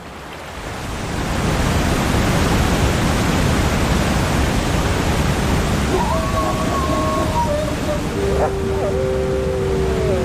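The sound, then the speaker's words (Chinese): A loud, steady roar of rushing river water, swollen with snowmelt, swells in after a quieter first second and continues unbroken, with a few thin wavering tones rising above it near the end. “可是冰雪融水的汇入导致河流水量大增，水流湍急，绝望的寒角驼鹿拼命想游到对岸，但很快被河水吞没。”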